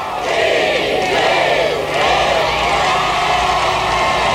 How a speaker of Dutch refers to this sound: Het Nederlandse publiek dat aftelde op de tribunes de laatste seconde van de wedstrijd. En dan de ontlading, de feestvreugde.